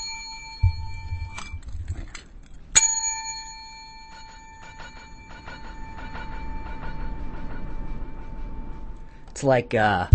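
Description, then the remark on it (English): A bell is struck a couple of times, then one clear ring sustains and slowly fades over several seconds. Some low rumbling sits underneath, and a voice briefly speaks at the end. “It's a long ringing, let's do that again.”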